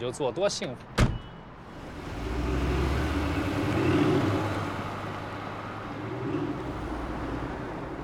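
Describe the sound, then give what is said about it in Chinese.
A short burst of speech, then a sharp click as a car door opens, followed by rustling movement and a steady, muffled car rumble as someone climbs inside. “有事儿跟你聊，上车。开门。”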